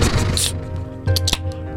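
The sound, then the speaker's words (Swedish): A lemon-flavoured mineral water bottle being opened: a few short, sharp cracks and hissy bursts of fizz rise over a steady low hum. “Mineralvatten med citronsmak.”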